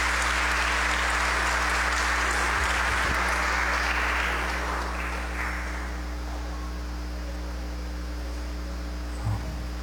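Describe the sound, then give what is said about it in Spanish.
A church audience applauds together for the Sunday birthday celebrants and for members who completed their master's degrees, a broad wash of clapping that holds steady for several seconds and then gradually thins and fades out, leaving a low steady hum. “Felicidades, les damos un fuerte aplauso también.”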